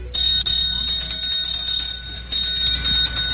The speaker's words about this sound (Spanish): Así sonaron las campanas en el Senado mexicano, donde inició la octava cumbre México-Unión Europea.